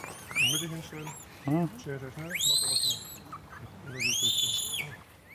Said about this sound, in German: Dieses Mal haben die angefangen zu piepsen und das hat die Mutter auf den Plan gerufen.